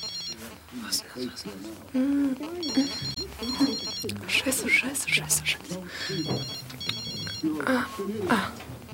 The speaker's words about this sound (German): Das Klingeln des Handys musste aus ihrer Handtasche kommen. Aber wo war das verdammte Ding?